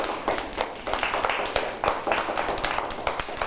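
A group of children clapping their hands together to praise another child's artwork, a dense, uneven patter of many claps that carries on steadily for a few seconds at moderate loudness.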